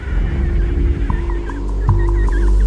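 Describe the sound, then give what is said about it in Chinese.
An emperor penguin chick calls in a series of high, warbling whistles, repeated in short quavering bursts over a steady low rumble of wind; no one speaks. “为了和父母团聚，这只帝企鹅幼鸟发出了独特的叫声，父母可以循着叫声找到自己的孩子。”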